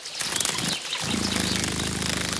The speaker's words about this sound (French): On dirait un bourdonnement. Nous sommes au bord d'une mare. Cette bestiole fait un bruit très léger qui ressemble à un vrombissement. J'ai trouvé! C'est la libellule. Elle adore les eaux calmes et stagnantes.